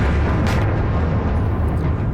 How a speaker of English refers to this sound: Explosions heard in the Ukrainian capital shortly after the departure of U.S. peace negotiators.